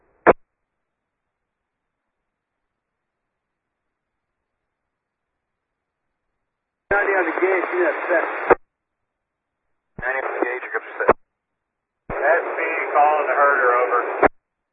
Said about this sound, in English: Transmission over. I just got all static.